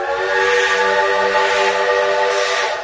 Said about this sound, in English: stood in astonishment as the huge black steam engine thundered up to the station.